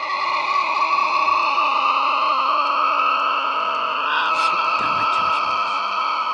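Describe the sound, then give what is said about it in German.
A Tasmanian devil screeches in the evening in Tasmania, in one continuous, harsh, high-pitched wail rich in overtones, staying loud and steady throughout, with a brief pitch wobble near the end and a few faint clicks. “Als es Abend wird, hören wir ein wildes Kreischen.”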